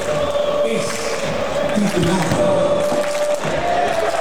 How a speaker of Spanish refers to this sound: Ya dejaron los fuegos artificiales de salir en el sector norte del Estadio Teniente y la gente no para de cantar.